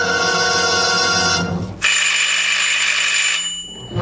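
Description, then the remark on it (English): A loud electric closing bell in a public library rings continuously with a harsh metallic buzz, pausing briefly before ringing again, then fading out near the end. No one speaks. “When the time for closing bell rang in the public library, Alexander Bonaparte Cust started, picked up his battered briefcase with the almost faded initials ABC, closed the book he had been reading, and shuffled over to the librarian's desk.”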